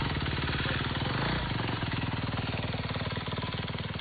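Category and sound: vehicle, motorcycle engine running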